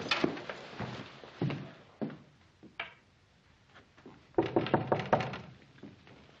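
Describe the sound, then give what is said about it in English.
Knocking on an unlocked wooden door: a few scattered raps at first, then a quick, firm run of about five knocks, with no voices. “Who is it? It's Ben, Andy. Oh, come on in, Ben. The door's not locked.”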